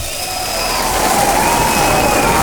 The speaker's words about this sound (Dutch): Daar mag je best even voor klappen, ja.